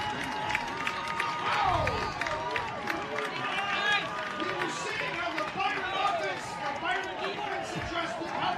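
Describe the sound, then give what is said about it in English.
The Byron home crowd at a football game cheers loudly and steadily after Eli Rodemeyer's 64-yard touchdown run against Casa Manorville, a dense, unbroken roar of many voices with scattered shouts and whistles rising above it for the whole stretch. “Yard scamper by Eli Rodemeyer, and the Byron crowd loves it.”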